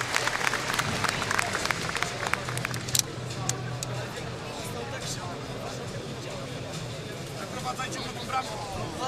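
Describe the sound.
An audience bursts into dense, loud applause for about three seconds, then the clapping thins into a steady roar of crowd noise and scattered voices.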